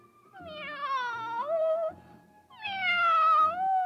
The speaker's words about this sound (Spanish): El gatito se acercó maullando lastimosamente.